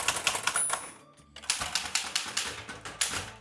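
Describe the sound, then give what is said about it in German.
Rapid, uneven clacking of the keys of an Erika manual typewriter, struck in quick bursts with a brief pause and a faint ring partway through; no voices. A woman types at her desk in a creative studio on Hahngasse in the 9th district. “Heute ist nämlich der Tag der Schreibmaschine und es gibt immer noch Menschen, die täglich auf der Schreibmaschine schreiben.”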